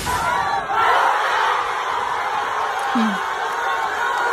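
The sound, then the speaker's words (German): A large crowd of Argentina football fans at a World Cup public viewing in Argentina roars and cheers continuously, a loud, sustained wall of shouting voices with whoops rising above the din, swelling slightly after the first second. “Boah, wenn alle so jubeln, Gänsehaut.”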